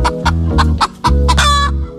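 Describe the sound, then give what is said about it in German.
Several hens cluck in a busy, overlapping series of short, rhythmic calls, fairly loud, ending in a longer drawn-out cackle with no voices present. “Was diese Hühner mit Trauerbegleitung zu tun haben, hört ihr hier gleich bei uns im ersten Beitrag.”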